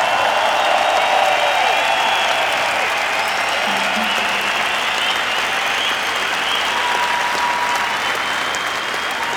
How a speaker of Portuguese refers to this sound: Mas vamos fazer muito barulho para eles, vamos sem dúvida dar um grande, grande aplauso a quem está por trás do palco.